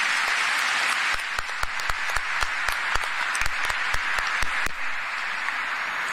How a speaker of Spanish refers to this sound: Una vez más para nuestros jóvenes, un fuerte aplauso para nuestros jóvenes.